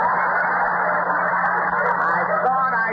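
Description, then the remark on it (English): A pet canary squawks loudly and harshly without pause, a steady, raucous chatter filling the whole moment, somewhat muffled, like an old recording. “Yeah, that bird again.”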